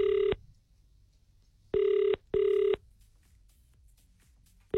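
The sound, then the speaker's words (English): A telephone line rings as a phone call is placed: loud, buzzy ringing tones in short bursts, a double pulse repeating after a pause, with only faint background hiss between rings and no one talking. “Open the phone line there”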